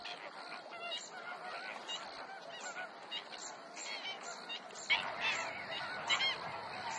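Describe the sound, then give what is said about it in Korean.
A crowd of flamingos at a low-lying freshwater lagoon surrounded by pine forest honks and gabbles without pause, overlapping nasal calls forming a steady, busy din with a few louder honks breaking through near the end. No one speaks. “홍학은 이 호수를 최대한으로 활용할 줄 아는 동물입니다.”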